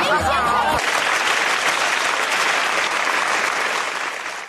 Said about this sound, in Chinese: 谢谢您，稀稀拉拉的掌声， 谢谢。 这一上来怎么跟我们亲爱的朋友们要掌声啊？ 不是要掌声，其实咱们观众的掌声不是给我鼓的， 那是 给您鼓的， 给我鼓的。